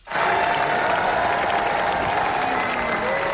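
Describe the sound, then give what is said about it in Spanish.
Sustained applause from a large audience at the Cannes Film Festival, an eight-minute ovation for Rodrigo Sorogoyen's film El ser querido: a dense steady roar of clapping that starts abruptly and holds at full strength throughout, with faint crowd murmur underneath. “En el Festival de Cannes, 8 minutos de ovación para El ser querido, de Rodrigo Sorogoyen.”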